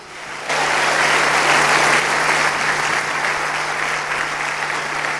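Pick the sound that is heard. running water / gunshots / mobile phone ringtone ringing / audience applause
audience applause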